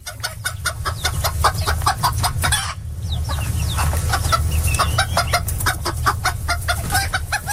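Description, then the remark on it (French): A flock of hens clucking steadily in quick, repeated bursts, with a brief lull midway, over a low continuous rumble. No one speaks. “Elles sont contentes, les poules, en ce moment.”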